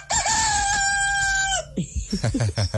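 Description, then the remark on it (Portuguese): A person imitates a rooster crowing: one loud, drawn-out cock-a-doodle-doo lasting over a second, followed immediately by someone talking. “tá imitando o senhor, imitando o galo.”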